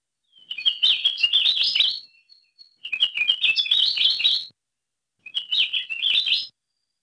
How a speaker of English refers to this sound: thanks to the Lohe Lab for the recordings of Akeapō Laʻau